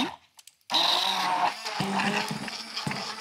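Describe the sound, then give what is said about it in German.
After a brief near-silence, an electric blender starts up abruptly and runs loudly and steadily, with a dense whirring roar and small fluctuations as it blends strawberries with a splash of lemon juice. “Und dann kommt natürlich unser Mixer zum Einsatz. Jetzt muss ich mal ganz kurz laut werden.”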